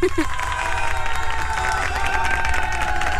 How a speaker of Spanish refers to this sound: Te felicitamos de parte de tu radio y por supuesto un aplauso para ella.